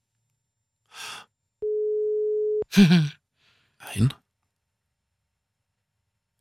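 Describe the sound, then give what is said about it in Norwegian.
A single steady telephone ringback tone sounds for about a second on an outgoing call. It is the second ring of a radio phone-in call to a listener outside Narvik, Norway, who must answer within three rings. Brief breathy voice sounds come just before and after it. “det går unna, du må ta den I løpet av tre ring her.”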